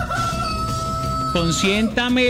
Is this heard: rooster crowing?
yes